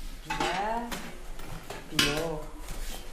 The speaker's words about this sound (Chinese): 永康的锡匠一副行淡走千里，人们需要修什么的情况都会碰见。像这样补锅的活也得干，没准就能挣顿饭钱。